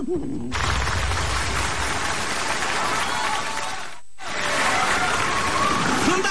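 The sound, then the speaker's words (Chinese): A large audience breaks into sustained, dense applause, briefly dropping out for a moment before surging back just as loud and continuing to the end. “掌声啊，我听出来了。”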